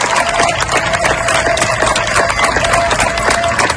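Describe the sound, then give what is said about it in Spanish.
A crowd of neighbours in Niebla, Huelva, claps steadily and loudly throughout to bid farewell to members of the UME who worked for days to control a wildfire, many hands producing a dense, continuous patter of sharp claps with no pause or break in the applause. “Estos aplausos que escuchas son de los vecinos de Niebla, en Huelva, para despedir a los miembros de la UME que han trabajado durante días para lograr controlar el fuego que ha afectado a más de 33.000 hectáreas.”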